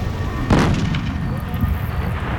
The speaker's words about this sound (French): Un bruit étrange, comme une explosion qui retentit à des kilomètres à la ronde. Mais qu'est-ce que c'est?